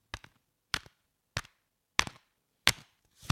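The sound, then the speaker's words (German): A deck of cat cards being shuffled before drawing the cat card of the week: six crisp, papery slaps at a steady, unhurried pace, each with a brief crackling tail, with short silences between and no voices. “Wir mischen mit Gedanken an diese Woche oder die Woche, in der ihr diese Folge hört.”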